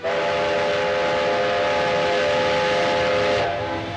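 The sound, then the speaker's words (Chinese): A loud, sustained steam train whistle with steady harmonic tones sounds over a broad rumbling roar, holding for several seconds before dropping off near the end, with no voices. The train is carrying crates of oracle bones to Nanjing, China, and breaks down partway. “铁路恢复运行，甲骨乡也被装车运往南京。不料，火车走到中途又出现故障，再次停运，等待修理。”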